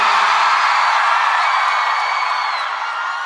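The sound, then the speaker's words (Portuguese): A large crowd in Salvador shouts and whoops loudly together when asked to raise their hands and shout, a dense, sustained roar of voices with high cheers cutting through, fading slightly toward the end. “Quem gostou, joga a mão e dá um grito, Salvador.”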